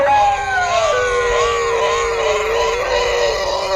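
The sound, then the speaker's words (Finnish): A dog howls loudly along to a sung scale in long, sustained, wavering tones, its pitch sliding down and then holding steady, with another voice-like tone blending in, for a few seconds. “Koiran sekakuoro harjoitteli ahkerasti”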